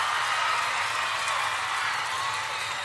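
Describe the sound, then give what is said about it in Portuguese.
A steady wash of audience applause at a show recorded for a DVD, many hands clapping in a dense, continuous crackle at an even loudness for about three seconds, with no voices standing out. “Salve de palmas para todas as minhas fãs lindas, maravilhosas e cheirosas.”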